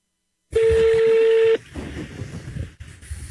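A phone dialing tone, while calling an ice cream shop in Ipanema, Rio de Janeiro, sounds once as a steady, loud pitched beep lasting about a second, then cuts off into a low, muffled rumble of background noise.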